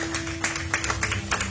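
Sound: audience clapping hands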